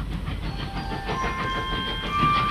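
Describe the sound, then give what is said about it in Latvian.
A steam locomotive on a train bound for Paris in 1891 rumbles along the rails with a steady chugging clatter, thin high whistling tones drifting over the continuous low roar. No one speaks. “Lokomotīve taisa Elles troksni, svilpī, visapkārt dūmi.”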